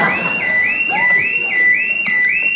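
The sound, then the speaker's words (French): A burglar alarm blares with a steady, high-pitched electronic tone that wavers up and down in a quick repeating cycle, about twice a second, loud and continuous with no voices. “Merde, l'alarme.”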